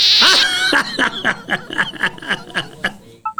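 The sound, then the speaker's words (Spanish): A donkey bray sound effect: a high, wheezy opening cry followed by a rapid string of rhythmic, harmonic hee-haw pulses, loud, with no talking over it. “Ya me pusiste el burro. Ay, híjole. ¿Otro burro?”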